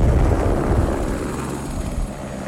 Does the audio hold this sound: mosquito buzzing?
no